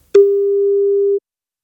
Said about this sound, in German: wenn bei euch das Handy oder Festnetz klingelt, es könnte Gong 96.3 dran sein